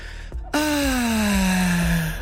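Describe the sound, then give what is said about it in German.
A single drawn-out, relieved sigh sound effect, presented as plants breathing out: a voiced "ahhh" that slowly falls in pitch, preceded by a quick intake of breath, with no talking. “Die atmen auf.”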